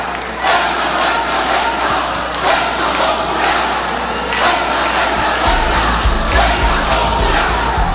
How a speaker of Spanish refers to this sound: En estos momentos en imágenes vemos a la bancada de Fuerza Popular y de algunos otros diputados que están detrás de la mesa principal y gritando fuerza, fuerza. Escuchemos.